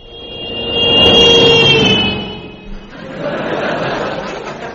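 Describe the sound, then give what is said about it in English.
The engine of a huge limousine, driven by the wolf in a Three Little Pigs story, revs with a whining, tonal drone as it comes towards the house, swelling to a peak and then easing off, settling into a steady, rushing rumble as the vehicle rolls on. “limousine driven by a wolf.”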